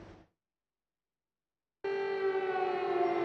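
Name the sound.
air raid siren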